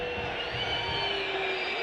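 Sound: stadium crowd whistling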